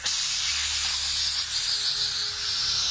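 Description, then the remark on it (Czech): The snake Lembajung hisses steadily as it rears up menacingly and flicks its forked tongue; the hiss is loud and runs unbroken for a few seconds with a bright, airy texture and no voices. “V té chvíli se had Lembajung hrozivě vztyčil a zahrozil rozeklaným jazykem ke království Hulu Batang Mua.”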